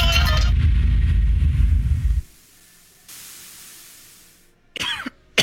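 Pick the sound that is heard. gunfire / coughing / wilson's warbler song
coughing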